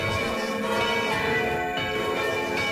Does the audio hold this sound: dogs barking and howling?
no